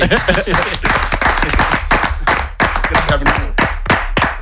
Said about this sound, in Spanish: De repente se pone a aplaudir.